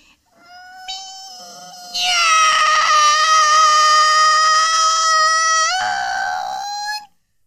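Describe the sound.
A person, knees bent, imitates a cat with one long, drawn-out meow lasting about seven seconds. It starts softer, swells loud and bright in the middle, then wavers and lifts in pitch before cutting off.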